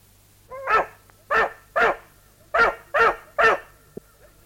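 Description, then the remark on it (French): A dog named Biondi barks six times in a loud series, in two groups of three sharp barks with short pauses between, and a faint low hum underneath. “Tu n'as pas honte, vilain chien.”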